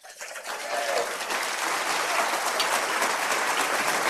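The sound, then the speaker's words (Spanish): A church audience breaks into applause for God, the King of Kings. The clapping swells within the first second into a dense, steady roar of many hands that holds at an even loudness to the end. “Denle un aplauso fuerte al Rey de Reyes, al Señor de los señores.”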